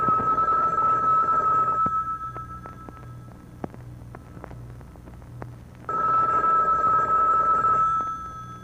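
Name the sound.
telephone ringing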